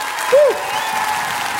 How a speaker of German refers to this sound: Applaus.